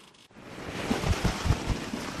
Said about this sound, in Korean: 제주의 날씨는 변덕이 심합니다. 괜찮다가도 갑자기 바람이 높아지고 파도가 거세집니다. 도움줄을 넘겨받아야 하는데 사나운 바람이 휘말려 보조선이 방향을 잃었습니다.